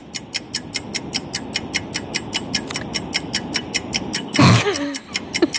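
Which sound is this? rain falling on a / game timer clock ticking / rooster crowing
game timer clock ticking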